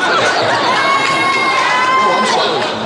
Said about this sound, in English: Wasn't it great? That's the first time I ever heard a woman screaming at a male singer.